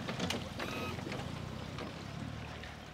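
A boat engine rumbles steadily as the boat manoeuvres into a harbour berth at Waren, guided in from the harbour entrance, with water sloshing and unusually strong wind on a sunny day for the whole stretch.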